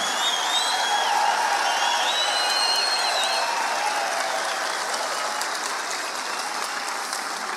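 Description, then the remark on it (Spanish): Steady, dense applause fills the whole clip at an even loudness, with a few high whistles rising over the clapping in the first few seconds; no one speaks. “Ahí está el aplauso solitario.”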